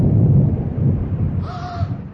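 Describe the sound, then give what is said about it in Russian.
A deep, steady rumble of thunder rolls through the whole moment, loud, with a single harsh crow-like caw cutting in briefly near the end. “Вот, вот молния, гром, услышал.”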